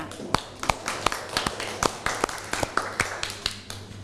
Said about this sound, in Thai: ตัวแทนนักเรียนคนที่2พร้อมไหมคะถ้าพร้อมแล้วขอเชิญตัวแทนนักเรียนและขอเสียงปรบมือให้เพื่อนหน่อยค่ะ